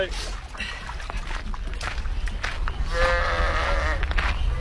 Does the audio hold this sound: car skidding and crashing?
no